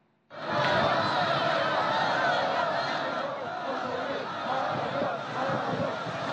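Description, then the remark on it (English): A large crowd of well-wishers in traditional costumes, lining the route of President Xi Jinping's motorcade to Mulan Hall, cheers and chatters in a steady, dense roar of many voices, with scattered shouts and laughter rising above it, sustained and loud throughout. “Crowds of well-wishers dressed in traditional costumes lined the route.”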